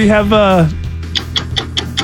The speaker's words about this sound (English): Stop that. That is the harshest sounding ticking clock ever.